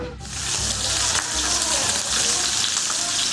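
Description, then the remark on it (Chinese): A steady sizzle of goat milk cheese cakes (rubing) pan-frying in hot oil as a dish for a Sani New Year feast, a dense crackling hiss that starts almost immediately and holds at an even loudness throughout. “在盛宴里，香煎乳饼算不上主角，但却是不可缺少的菜肴。”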